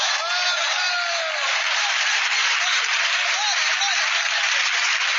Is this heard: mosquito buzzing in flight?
no